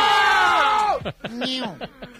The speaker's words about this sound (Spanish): Por favor, no gritéis tanto que me estáis saturando el sonido.